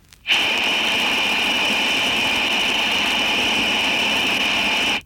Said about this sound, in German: Geräusch Nummer 4, Number 4, lässt das grelle Pfeifgeräusch der undichten Stopfbuchse einer Armatur hörbar werden. Zuerst in Stellung Breitband.